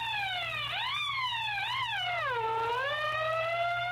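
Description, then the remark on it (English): A fire engine's siren wails continuously, its pitch sweeping up and down in uneven swoops, loud, with a steady low hum beneath and no voices. “I blew my siren.”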